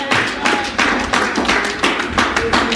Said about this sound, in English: Somebody give God a clap and a praise in the house.